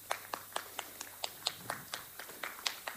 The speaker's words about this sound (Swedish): Så att, jag tycker vi alla ger dem en jättestor applåd för ett jätteduktigt jobb.